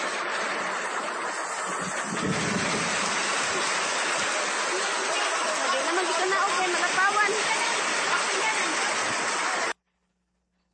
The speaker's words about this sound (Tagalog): Sus, grabe ang tubig. Sunag ang tubig tagilapaw, oh.